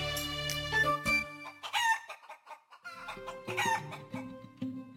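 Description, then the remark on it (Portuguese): Guinea fowl calling: loud, harsh cackling cries in several rapid bursts, rising and falling over a few seconds, with no voices present. “Um dia, porém, descobriu uma galinha do mato que fizera ninho no meio das nuvens.”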